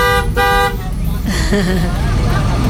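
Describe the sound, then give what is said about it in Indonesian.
A Harapan Baru bus, waiting at the exit gate outside a terminal, plate AG 7644 UZ, blares its horn in two loud, brassy blasts, the second longer, then gives way to a steady, heavy engine rumble as a voice briefly speaks over it. “Nah, ini bisnya sangat jelas juga.”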